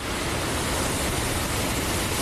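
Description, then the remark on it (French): A steady, loud rush of Mediterranean surf at Collioure, the broad hiss of waves washing on the shore continuing without pause, with no voices. “Le bruit des vagues, le soleil.”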